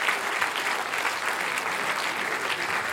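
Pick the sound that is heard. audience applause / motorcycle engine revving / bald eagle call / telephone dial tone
audience applause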